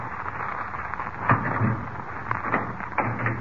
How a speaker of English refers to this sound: Ah, here we are. I will unlock the door for you.